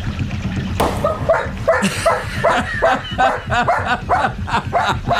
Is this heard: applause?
no